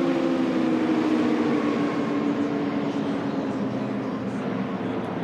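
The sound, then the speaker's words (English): A loud, sustained roar of P-51 propeller fighter planes passing overhead as they chase a speedboat on a run, their engines droning with a steady low hum that fills the whole stretch without letting up. “Oh, those P-51s sound incredible.”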